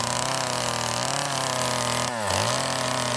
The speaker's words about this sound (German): Aber jetzt gibt es ehrliche Handarbeit. Kettensägenarbeiten.